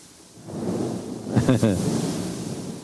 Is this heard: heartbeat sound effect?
no